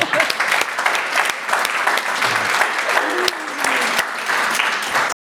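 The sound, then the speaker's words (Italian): A steady burst of applause from a small group, dense overlapping claps sustained for several seconds at moderate loudness before cutting off abruptly. “Sì, cioè, merita un applauso.”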